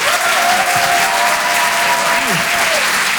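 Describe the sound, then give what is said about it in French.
A crowd at a Rire et Chanson comedy show applauds loudly and steadily as a comedian is introduced, a dense wash of clapping that continues without a break. A sustained tone and a few faint voices sit underneath. “Tout le monde d'applaudir très fort, s'il vous plaît.”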